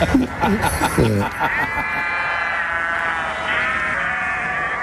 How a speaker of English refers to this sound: There we go. I'm glad we got some sheep around somewhere. They've just about all gone for the cattle, haven't they?